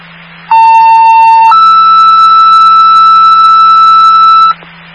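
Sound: emergency dispatch alert tone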